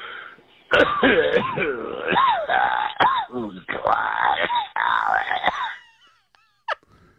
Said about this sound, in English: Give me any listener cough, and I'll be able to diagnose